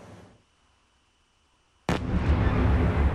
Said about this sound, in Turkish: Birbiri ardına gelen patlama sesleri ve yükselen alevler. Ukrayna'nın başkenti Kiev semaları gece boyunca Rusya'nın saldırılarıyla aydınlandı.